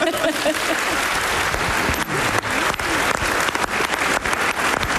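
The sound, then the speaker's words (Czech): An audience applauds steadily for several seconds, a dense, continuous wash of clapping from many hands at a fairly loud level. “Takhle vypadá mladý šarm, zatleskejte.”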